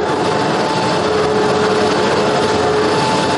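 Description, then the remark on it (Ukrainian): A funicular's drive wheel, which moves the cars on the cable line, runs in the machine room: a steady, unbroken mechanical roar with a thin, constant whine riding on top. The level never changes and no one speaks. “Ось це колесо і приводить у рух вагончики на канатній дорозі.”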